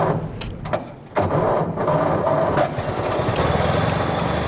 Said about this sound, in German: Nach einer kurzen Schrecksekunde springt er doch an, der Motor des Oldtimers Avis 3. Stolze 100 Jahre alt, aber kein bisschen rostig.